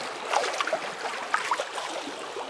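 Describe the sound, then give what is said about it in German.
Soft water sloshes and laps gently at a shore with small splashes and trickles, a quiet, continuous wash with no voices. “Vielleicht am See, vielleicht schwappt auch das Meer so ganz sachte an einen Kieselstrand.”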